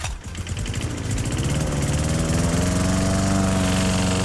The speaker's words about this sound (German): So, ja, der Rasenmäher läuft.